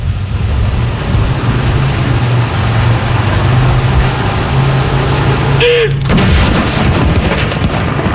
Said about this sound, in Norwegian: Andre kanon!